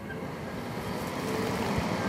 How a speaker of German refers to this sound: So, dann nehme ich die Autobatterie. Und wenn ich dann die anschließe, hört man auch schon, dass der Ventilator dann zu arbeiten beginnt.